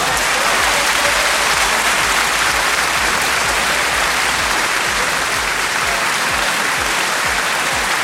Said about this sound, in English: A round of applause.